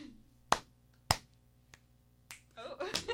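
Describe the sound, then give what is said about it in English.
Crisp body-percussion hits ring out in a pat-pat-clap-clap-tap-snap-snap exercise of knee pats, claps, a tap and finger snaps. There are two sharp clap-like smacks, a softer tap, then snapping sounds at an uneven pace, with a voice starting to speak over the last few snaps. “so pat, pat, clap, clap, tap, snap, snap.”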